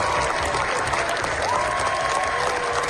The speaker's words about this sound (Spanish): Los 20 minutos de aplausos que se llevaron ayer los Javis en Cannes. La bola negra cogió impulso en la carrera por la Palma de Oro. Es la ovación más larga de lo que llevamos del certamen, y los directores españoles lo han logrado